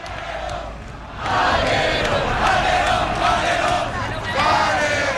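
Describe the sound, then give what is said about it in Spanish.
A large crowd of Las Palmas football fans chants loudly in unison in a stadium, voices swelling after a quieter first second into a sustained, rhythmic roar with repeated surges. “Esto es la gente de Las Palmas, Valerón, el cántico que tantas veces escucha aquí el Canario, creo que ha sonado bien por la radio.”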